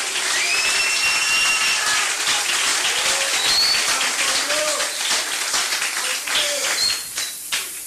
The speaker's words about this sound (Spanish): Jesucristo, un aplauso al Señor en esta linda noche.